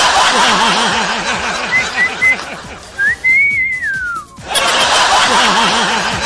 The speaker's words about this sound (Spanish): Oye, ¿no puedo chiflar ahora? Perdí mi swing del campo. No puedo chiflar.